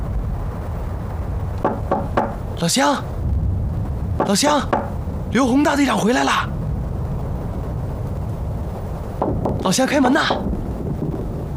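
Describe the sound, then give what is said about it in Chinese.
Short bursts of sharp knocking on the wooden door of a villager's house in Chen Village, a few raps at a time, alternate with a man's raised voice calling out in Chinese for the door to be opened, over a steady low background rumble. “洪哥，我那边敲不开”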